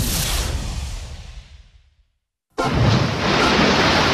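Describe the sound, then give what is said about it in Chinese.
A broad rush of ocean surf washes in and slowly fades away, followed by a moment of silence before another loud, roaring wave surges in and holds steady. “这是海的声音”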